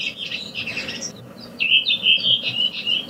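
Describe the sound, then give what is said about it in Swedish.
A redwing at Renön, outside Piteå, sings its classic-dialect song: bright, high, repeated whistled phrases with quick trills, clear and fairly loud over a soft low background rumble, no voices. “Jo, vi kan börja lyssna på en röving här från Renön där jag bor, här utanför Piteå. Den här klassiska dialekten här.”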